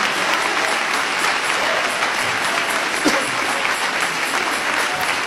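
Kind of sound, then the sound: crowd, audience applauding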